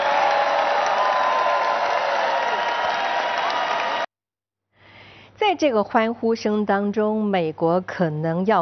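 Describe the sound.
A large crowd at a Donald Trump speech cheers and applauds loudly in a dense, steady roar for about four seconds after he promises a $5,000 dividend to every adult US citizen, then cuts off abruptly; after a short silence, a single voice begins speaking.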